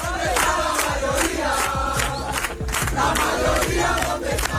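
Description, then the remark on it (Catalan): A loud crowd of Vox supporters chants in unison at a political rally in Spain, voices rising and falling in a steady rhythmic pattern, with sharp accented syllables punctuating the dense roar throughout. “De fet, ahir Vox no dissimulava gens aquesta satisfacció, deia això.”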